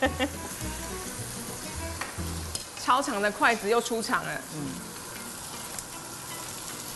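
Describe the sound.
Steady crackling sizzle of tofu skin pan-frying in a little goose fat, continuous, with a person speaking briefly over it and some low clattering in the background.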